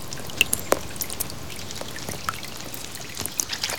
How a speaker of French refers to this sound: Il pleut, dit Malo. La pluie tombe doucement sur la terre.